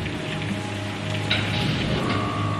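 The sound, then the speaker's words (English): Heavy rain pours down steadily on Cape Canaveral on May 2nd, 1961, a dense, continuous hiss of drops striking a surface, with a faint low rumble underneath and no voices. “Rain's pouring down on Cape Canaveral.”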